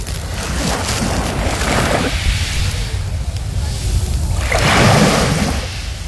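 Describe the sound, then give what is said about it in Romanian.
Sea waves wash onto a shore in Barcelona in broad, rushing surges, two swelling crashes rising and fading over a steady roar of water, loud, with no voices. “Și atunci, pentru cei care nu au ajuns încă la mare, așa ca mine, și nu știu dacă vor ajunge, avem la pachet valurile mării.”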